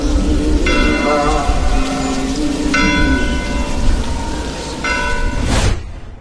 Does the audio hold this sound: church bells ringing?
yes